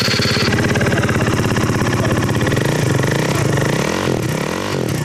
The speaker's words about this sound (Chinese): 这辆摩托车不仅号牌卷翘弯折，还加装了射灯，改装了排气，启动油门后发出巨大的轰鸣声。